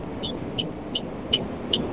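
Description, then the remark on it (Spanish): A truck's turn signal ticks steadily as it is about to turn, five crisp clicks at an even pace, over a low rumbling engine and road noise. No one speaks. “Ok, el que está en un auto. Iba a doblar. Tipo camión, tiene la señal puesta.”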